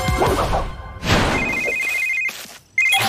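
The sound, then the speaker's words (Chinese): An outgoing call to Ryder for help, made by speed dial to the PAW Patrol, rings through a phone: a steady electronic ring tone sounds for about a second, pauses, then starts again, following a burst of rumbling thuds and noise. “你能打电话给莱德求救吗？”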